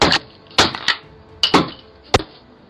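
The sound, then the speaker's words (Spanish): A hammer bangs repeatedly against a security camera in England, five or six sharp metallic knocks landing in irregular bursts, with no talking. “Con martillo, con desarmador, con tijeras para cables y hasta un marcador permanente.”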